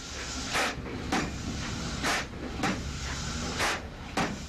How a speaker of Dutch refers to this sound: De burgemeester nam de touwen in handen en de eerste dreunen op de versierde heipaal volgden.